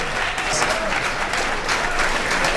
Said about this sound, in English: Let's give another nice round of applause to the great …